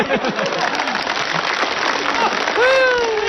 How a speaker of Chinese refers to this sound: 哎，大妈，我要把这个箱子打开，不要多了，您给我五秒钟的掌声好不好？